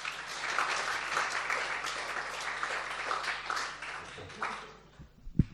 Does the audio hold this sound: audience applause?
yes